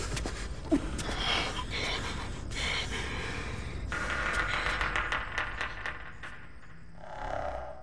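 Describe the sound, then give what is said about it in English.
Heavy, labored breathing with gasps and snorts sits loud over a dense, tense orchestral film score that swells and churns throughout; no one speaks. “Okay, so you can hear something is happening, labored breathing, tense scoring, but you're left listening for clues, trying to assemble a picture in your mind from the fragments.”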